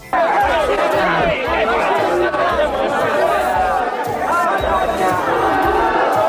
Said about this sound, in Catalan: Aquests són els crits de l'acte